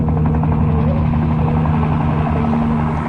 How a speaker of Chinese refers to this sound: 15分钟以后，三个穿着便装的精悍军人跟着唐小军匆匆地上了警方的直升机，直升机拔地而起。